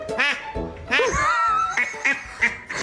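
A pet dog, hoarse the day after barking nonstop in excitement at a pet event, gives a run of hoarse, raspy barks that sound like a duck quacking. There are about five honking calls in an uneven rhythm, some drawn out, with a few quieter breaths between them.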